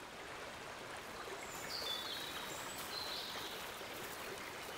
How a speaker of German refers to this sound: Die Oker frisst sich seit Jahrtausenden durch das Gestein und verwandelt sich zum Wildwasser.